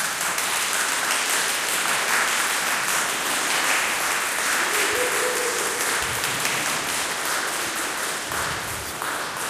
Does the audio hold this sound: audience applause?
yes